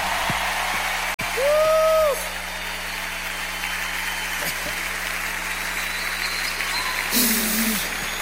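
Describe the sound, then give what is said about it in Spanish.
A church audience applauds the first band after a worship music set, a steady, dense wash of clapping, with a short tonal whoop early on and a louder surge toward the end. Faint voices murmur beneath it. “¡Denles un aplauso a la primera banda!”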